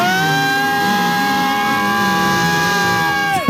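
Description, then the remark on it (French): A crowd of spectators cheering on arriving race runners makes a steady, loud din of sustained cheering, with long wavering shouts mixed with high, unbroken horn-like tones that hold throughout before cutting off abruptly at the end. “Ah plus fort, allez-y, allez, tout du bruit, allez-y, allez, on fait tous du bruit.”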